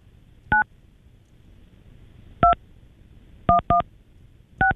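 Five short telephone keypad tones sound at an uneven pace, with two pressed in quick succession near the end, clear against a quiet background with no talking.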